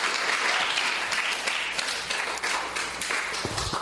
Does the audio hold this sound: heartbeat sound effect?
no